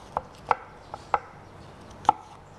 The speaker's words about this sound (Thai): แล้วก็แอปเปิ้ลล้างให้สะอาดแล้วก็หั่นเป็นชิ้นเล็กๆ เราใช้ทั้งเปลือกเลยนะคะ